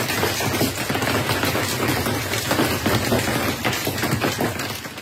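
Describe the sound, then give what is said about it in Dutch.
Dense, steady pelting of hailstones up to ping-pong-ball size on the upper hatches of a bus during a thunderstorm in Belgium, a constant clattering patter of many hard impacts, with no pauses and no voices. “Dat warme, broeierige weer resulteerde gisteren in België in fikse onweers- en hagelbuien.”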